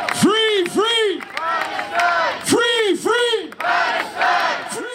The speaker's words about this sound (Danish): Her til eftermiddag begyndte en af demonstrationerne til fordel for Palæstina. Demonstranterne mener, at Israel er skyldige i folkedrab, og de vil have landet udelukket fra sangkonkurrencen.